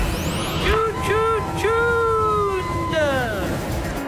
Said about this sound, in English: So much traffic. What? Traffic.